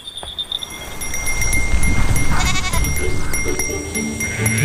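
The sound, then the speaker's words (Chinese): A flock of goats setting out along a familiar mountain path in the hills at daybreak bleats in a few overlapping, wavering calls over a steady low rumble of movement, the bleats rising midway and continuing through the end. “山还没有醒，羊群已经踏上熟悉的山路。”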